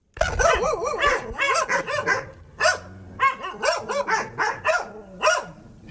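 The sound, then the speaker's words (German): Several dogs at an animal rescue association in Nauenstein, Germany, bark excitedly at an arriving visitor in rapid, overlapping bursts, some higher yips mixed in, fairly loud, with barely a pause throughout. “Die Hunde haben sich erstmal ein bisschen aufgeregt, aber die waren sonst irgendwie ganz lieb.”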